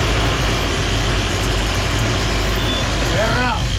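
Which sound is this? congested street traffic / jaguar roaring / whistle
congested street traffic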